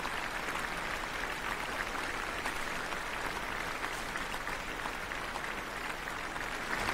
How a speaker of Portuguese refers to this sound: Um concerto de verão em alto astral, com essa filarmônica maravilhosa. Vamos ouvir os aplausos.